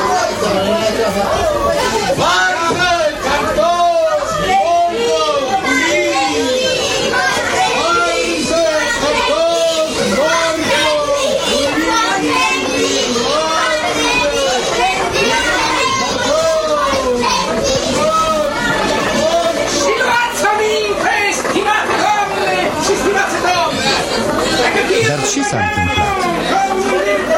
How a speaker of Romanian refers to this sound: În colțul străzii se adună mulțime. Trotuarul a devenit deodată neîncăpător.